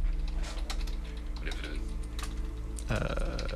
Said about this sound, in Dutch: Ik vind het interessant dat je nu in één keer wel mijn toetsenbordgeluiden kan horen. Dat kon je vroeger niet. Nee, maar dat heeft met de voice processing nu te maken.